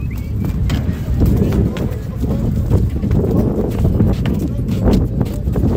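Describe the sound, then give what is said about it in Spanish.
Horse hooves clop and thud in an irregular series of steps, fairly loud, as horses leave the sand and make a small jump up onto a hollow ramp to be transferred, with a low rumble and murmuring voices behind. “Se oyen así esos cascos de caballos que dejan de caminar ya por la arena y dan un pequeño saltito cuando suben en la rampa.”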